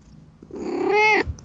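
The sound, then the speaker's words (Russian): A single drawn-out cat meow, fairly loud, rising into a strained harmonic cry for under a second before cutting off. No talking. “О, слышно. Хорошо слышно. Его слышно лучше, чем вас.”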